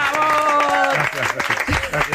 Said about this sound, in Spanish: Él es Juan Rabonet. ¡Un fuerte aplauso! ¡Bravo!